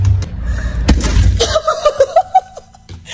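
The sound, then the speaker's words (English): A cat on the other side of an apartment door jumps onto the door handle with a sharp clack, and the door rattles open amid low thumping. A locked-out young woman had been tapping on the door to get the cat to jump. Then a person bursts into a run of excited, squealing laughter. “young woman was locked out of her apartment, but she kept tapping on the door to get her roommate's cat to jump on the handle on the other side.”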